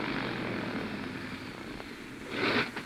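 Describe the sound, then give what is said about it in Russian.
A steady drone of a propeller airplane engine flying over mountains that coughs and sputters unevenly, with a louder rough surge near the end. No voices. “Мотор чихает.”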